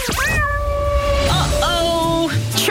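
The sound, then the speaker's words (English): A cat meows loudly in a long, drawn-out yowl with a rising and wavering pitch, followed by a second shorter cry, with no talking; the Kilkenny cat of a Beat Breakfast radio promotion. “The Kilkenny cat is on the loose.”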